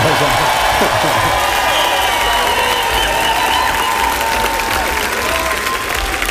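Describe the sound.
Sustained applause from a large crowd at the Pohoda festival: a dense, steady roar of clapping that stays loud throughout, with faint cheers and voices mixed in.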